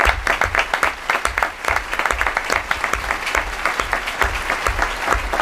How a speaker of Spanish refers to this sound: Así termina nuestra primera función de esta temporada, nuestro primer relato, es el relato carcelario del Quijote de Cervantes. Un aplauso para todo nuestro elenco.